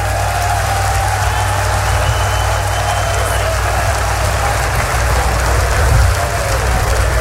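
A church audience, called on to clap by the preacher, claps their hands together, a dense, steady wash of applause that stays loud and even for several seconds over a low, humming rumble.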